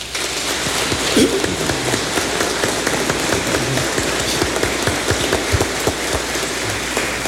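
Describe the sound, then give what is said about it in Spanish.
An audience of the parish of San Felipe de Oña, on a feast day, applauding their new parish priest received from the bishop: dense, steady clapping from many hands that holds at an even, fairly loud level for several seconds without building or fading. “para quien les pido un fuerte aplauso.”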